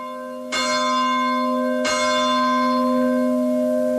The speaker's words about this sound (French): Et notre prière se poursuit, vous entendez les cloches de l'Angélus.